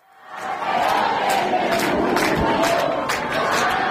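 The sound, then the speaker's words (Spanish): A large crowd chants the name of the national team coach, Luis de la Fuente, in unison, a loud, sustained roar of many voices swelling in over the first half second and holding steady with rhythmic pulses throughout. “Ya sé que hablamos en este tono informal, medio tal, pero no sé si esto ocurre en muchos otros lugares donde coreen el nombre del seleccionador.”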